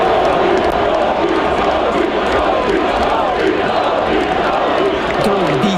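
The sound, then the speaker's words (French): A large crowd in the street cheers and roars loudly and continuously for the Canadiens' goaltender during the hockey player presentation, many voices blending into a dense wall of sound, with a few individual shouts rising near the end. “Et bon, les joueurs des Canadiens, quand ils sautent sur la glace, ils sont tous chaudement applaudis. Mais il y en a un quand même qui a eu droit à quelque chose de spécial.”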